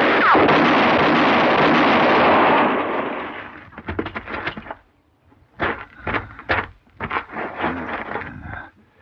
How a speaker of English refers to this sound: Look out, George. That horse is coming for you. What? You black son of Satan! Mr. Paladin, he shot the horse.